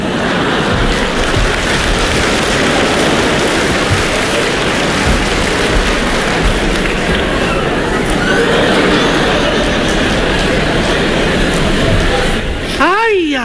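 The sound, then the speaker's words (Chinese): A large audience claps steadily in a dense, even roar of applause for about twelve seconds, then it fades as a voice begins speaking at the very end. “亲爱的观众还真热情啊，我爸爸都半身不遂了，您还鼓掌呢。”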